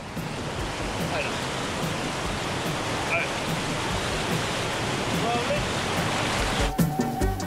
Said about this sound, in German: Ziel der Tour, ein großer Wasserfall am Ende des Canyons.